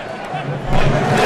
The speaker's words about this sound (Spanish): Ese es el aplauso que hacen al unísono. Y así se unen miles en las tribunas. Y esto es en pro de Marruecos. Uno más. Y vendrá otro más. ¿A lo Islandia? Es el saludo vikingo, exactamente.